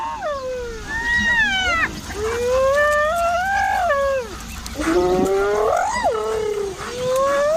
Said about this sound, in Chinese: 斑鬣狗的这种叫声是在传递信号，它们通过灵敏的嗅觉寻找食物，这激动的叫声表明它们有所发泄。